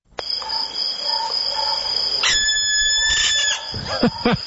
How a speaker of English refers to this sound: All right, and last word to this guy. This is the barn owl screech.